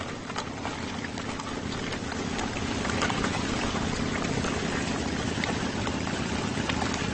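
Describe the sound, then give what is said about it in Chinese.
A motorcycle engine rumbles steadily and fairly loudly throughout as nomadic herders ride motorcycles to drive livestock across the Saryarka grassland, a continuous low drone mixed with rushing, wind-like noise, with no voices. “他们用摩托车隆隆的马达声驱赶牲畜。”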